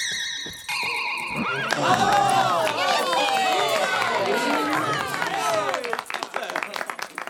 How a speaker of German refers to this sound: Fliegende Pferde. Ja, so etwas hat es noch nie in einem Zirkus gegeben. Die Zuschauer klatschen und pfeifen und steigen vor Begeisterung auf die Bänke.